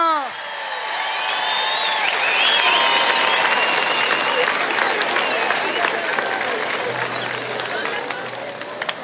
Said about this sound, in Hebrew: לא מחאתם מספיק כפיים, אז הוא לא בא.